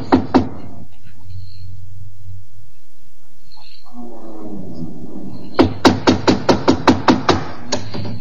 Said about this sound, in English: Here, door. We knock. First.